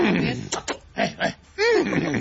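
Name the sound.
person imitating a horse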